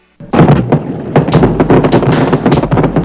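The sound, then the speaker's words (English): Fireworks burst in a rapid, crackling barrage, loud, with dense overlapping pops and bangs continuing for a few seconds without pause. “Light up your summer celebrations with fireworks from Danny's House of Fireworks on US 35 in Knox across from Ford.”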